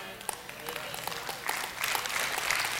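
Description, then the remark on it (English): Scattered clapping from a small church audience, about five people: a few sparse, uneven claps at first that thicken into light applause from several people partway through, in a reverberant space. “I got about five of you that are clapping on that one.”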